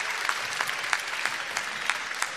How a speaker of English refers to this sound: Give us all a big burst. Big burst of applause.